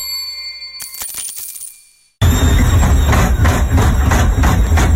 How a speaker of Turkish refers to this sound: Senin de çamaşır makinen böyle sesler çıkarıyorsa vedalaşma zamanı geldi.